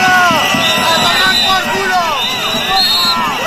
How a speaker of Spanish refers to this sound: por la mañana, gritos y abucheos de 200 manifestantes al presidente de Aragón en un acto en Huesca.